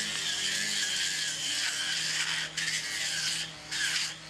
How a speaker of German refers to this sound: Rundum liefen jetzt überall die Vorbereitungen. Die Kettensägen wurden vorgewärmt.